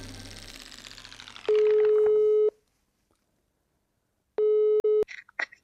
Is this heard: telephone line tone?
yes